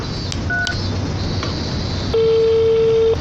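A few quick keypad beeps from a mobile phone being dialed, then a steady, fairly loud ringback tone holds for about a second over faint background hiss, with no one speaking.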